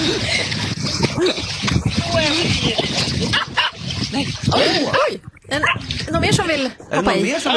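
The dog Zelda whimpers and yips excitedly in a rapid, uneven run of high-pitched cries, wanting to join a summer swim. The cries are loud, mixed with splashing and background commotion as people jump into the water.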